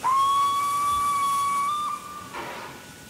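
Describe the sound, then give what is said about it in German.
A loud, steady steam whistle of a Württemberg-design steam locomotive blows one long sustained tone for about two seconds, then cuts off, leaving a broad hiss of escaping steam with no one speaking. “Vier Maschinen dieser württembergischen Bauart existieren derzeit noch, aber nur eine einzige steht so unternehmungslustig unter Dampf.”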